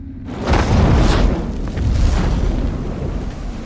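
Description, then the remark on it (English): A patch of earth suddenly bursts into flames: an explosive whoosh as fire bursts up, a deep rumbling boom with a broad roaring crackle that swells, eases briefly, then surges again before settling into a sustained low roar. “Suddenly, a patch of earth bursts into flames.”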